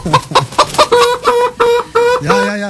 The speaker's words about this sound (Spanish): Ahí están las gallinas que se pronuncian, ¿no? Se alborotan cuando llega Tito Alvites aquí exitosa. Las gallinas culecas.